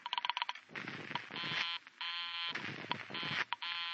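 A telephone busy signal: a quick run of short electronic beeps, then harsh, buzzy tones that sound in long stretches broken by brief gaps. No one speaks.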